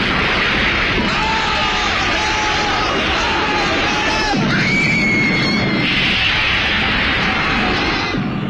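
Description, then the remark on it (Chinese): A loud, chaotic scene of repeated bomb blasts from a series of bombings in India, with booming bursts, debris and screaming crowds, dense and continuous throughout, with a sharp new burst about four seconds in. “姆甘博策划了数起爆炸案，无数无辜百姓在爆炸中丧生”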